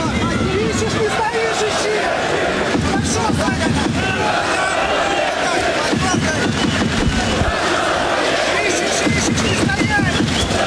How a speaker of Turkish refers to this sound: Evet, Rabinski öyle ters baktı ve Rudenko ringe, daha doğrusu maça dönünce de salonda bir alkış tufanı koptu.